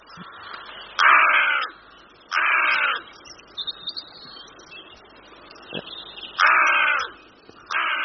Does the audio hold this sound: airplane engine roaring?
no